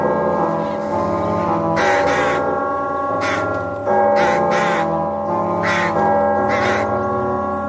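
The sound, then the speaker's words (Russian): Flocks of crows caw in harsh bursts, loud, rising high over Moscow at the ringing of the tocsin, over the steady, ringing drone of the alarm bell that hums underneath the whole time. “Вороньи стаи над ней взлетали высоко от набатного звона.”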